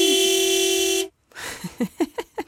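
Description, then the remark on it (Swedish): A car horn blares in one loud, steady blast lasting about a second, then cuts off abruptly; after a brief silence, someone starts speaking. “Ja, det här med att tuta, svära, göra obscena gester.”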